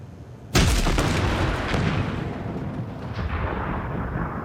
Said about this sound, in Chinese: 小光，小光，啥玩意儿爆炸了？